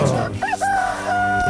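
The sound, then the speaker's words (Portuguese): A rooster crows once, loud, its call rising then holding a long, strained note before breaking off, with a low background hum underneath. “galo, galo, galo, galo, galo, galo, galo, cantando.”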